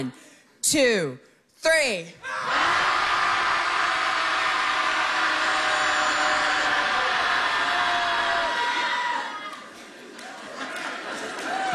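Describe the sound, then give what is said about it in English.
After a spoken count of one, two, three, a group of people bursts into loud, sustained shouting together for about seven seconds to let it out, then the roar breaks off into scattered quieter voices. “So when I'll say 1, 2, 3, and then we'll all just let it out.”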